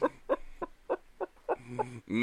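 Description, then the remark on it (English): Chickens cluck in a quick, evenly spaced series of short bursts, about seven in a row, ending in a longer, more drawn-out squawk. “Chickens, please.”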